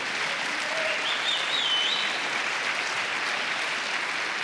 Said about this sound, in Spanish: Alguien dele palmas al Señor por eso.